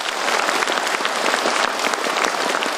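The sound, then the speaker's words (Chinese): An audience at the Shanghai Qingpu Cup 21st National Children's Storytelling King selection event claps steadily for the young contestants, a dense, loud wash of many overlapping hand claps with sharp individual slaps poking through, no voices over it. “亲爱的朋友们，到现在为止，我们少年组故事大王的所有的小选手都已经展示了自己的风采，再一次掌声感谢他们，同时也感谢各位评委老师精彩的点评。”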